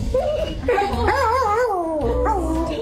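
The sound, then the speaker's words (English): A dog that had gone missing in 2021 whimpers and yips excitedly on being reunited with its owner, its high, wavering whines rising and falling almost without pause over a low background rumble. “a dog that went missing in 2021, has been reunited with his owner.”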